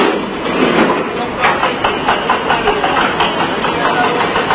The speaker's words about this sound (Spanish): Este es el sonido en directo de esos trabajos para poder recuperar a personas entre los escombros.